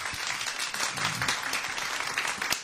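An audience at the Woensdag Wysie show applauds steadily, many hands clapping in a dense, continuous patter with a few sharper claps standing out, fairly loud throughout and with no voices.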